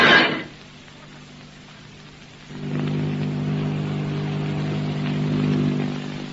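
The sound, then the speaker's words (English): A brief rushing burst gives way to silence, then a steady, low droning airplane motor hum sets in with layered tones, swelling slightly louder before easing off, as a large silver airplane approaches and lands on a field. “What's that? It's a plane. Motors.”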